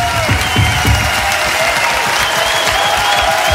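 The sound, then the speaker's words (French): A large crowd, the audience at La Cigale, applauds steadily, a dense wash of clapping with faint cheers mixed in and no one speaking over it. “C'est bien, vous vous applaudissez vous-même.”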